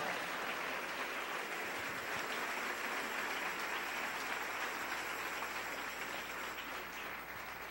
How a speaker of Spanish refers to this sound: Dele ese aplauso al Rey en esta hermosa noche.